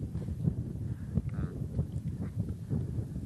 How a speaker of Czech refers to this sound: A vidíš ten vítr, kámo? Cítím.